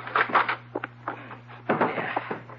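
door being opened

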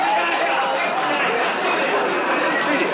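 crowd chattering

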